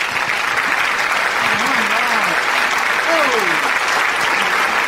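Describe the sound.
Sustained audience applause welcoming a guest singer onto an Italian show, a dense, steady wash of clapping filling the whole clip at even loudness, with a few faint voices and whoops rising and falling underneath.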